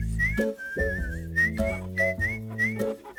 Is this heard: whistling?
yes